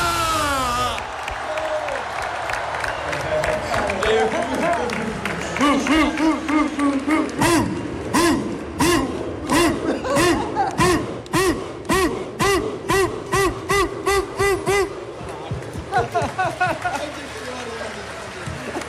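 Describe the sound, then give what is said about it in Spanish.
A large crowd of Deportivo fans in A Coruña chants the war chant of Deportivo coach Antonio Hidalgo in unison, voices swelling in rhythmic waves, then breaks into sharp repeated claps or stomps keeping a steady, fast beat over the roaring voices. “Bien, pues bueno, ese era el cántico Hidalgo de guerra de Antonio Hidalgo.”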